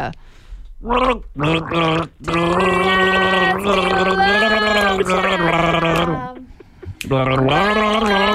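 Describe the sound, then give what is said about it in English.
A person gargles water while trying to carry the melody of a band's song for a radio 'gargle game' in which listeners name the band. The bubbling, warbling vocal rises and falls through several sustained sung phrases with brief breaks between them. “We're playing the gargle game”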